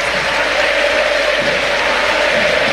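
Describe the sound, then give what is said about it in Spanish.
A stadium crowd at a Boca football match gives a sustained ovation for captain Leandro Paredes as he is substituted off for Williams Alarcón: a dense, steady wash of cheering and applause that holds at an even, loud level throughout, with no single voice standing out. “Ovación para el capitán.”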